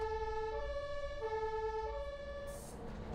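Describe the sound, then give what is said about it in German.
A loud two-tone ambulance siren alternates steadily between a high and a low pitch over a low rumble of the moving ambulance as it drives through the Steintorviertel district shortly before 3 a.m. on a Saturday night, with no talking. “Lanz Wuttig am Steuer und Pille fahren seit 7 Stunden Rettungswagen”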